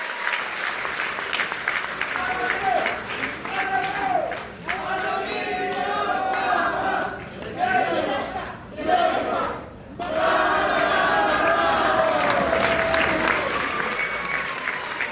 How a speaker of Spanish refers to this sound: Entonces démosle un fuerte aplauso a nuestra presidenta por este gran esfuerzo.